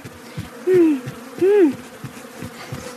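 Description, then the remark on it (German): A steady low buzzing of many bees at Pinky's bee farm hums throughout, with two louder, pitch-bending drones as individual bees zip past and away. “Da ist ja schon Pinkys Bienenfarm.”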